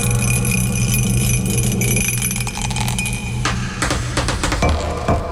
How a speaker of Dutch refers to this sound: Goed, wij gaan dobbelen. En daarna dan is het aan jou. Sorry, ik had de dobbelsteen nog in de kast staan. Zo, nou is hij er. Daar gaan we.